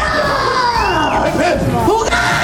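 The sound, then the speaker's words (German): A crowd of children at a pirate-themed event shrieks loudly and continuously, measured at 91 decibels, many high voices overlapping in a dense, sustained wall of screaming, with pitches sliding up and down. “Ja, und jetzt hatten wir sogar 91 Dezibel beim Kreischen.”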